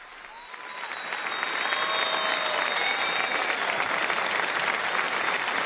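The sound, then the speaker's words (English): A large audience applauds Pope Leo during the first papal visit to the diocese of El Hierro, La Palma and Tenerife, the clapping swelling over the first second or two and then holding as a dense, sustained roar of hands, with faint whistles or tones threading through. “And the smile there on Pope Leo's face as he listens to the applause.”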